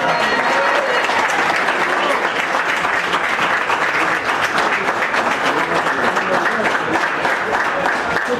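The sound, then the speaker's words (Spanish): Steady, dense applause from a crowd closing the Cabaña La María auction after its last lots, many hands clapping together at a constant loud level for several seconds without letting up. “Muy bien, y con el aplauso de la gente se cerraba lo que fue este remate de Cabaña La María en los últimos lotes”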